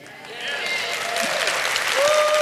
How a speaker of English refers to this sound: That was about the weakest applause I've ever heard in my life.